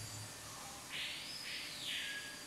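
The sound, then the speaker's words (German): Faint, high-pitched bird calls come in two or three overlapping bursts over a soft background hiss, with no voices. “Ich glaube, die Vögel sind jetzt auch zufrieden.”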